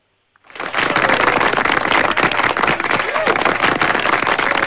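An audience breaks into applause after a brief silence, a dense, steady wash of many hands clapping that stays loud and even until the end.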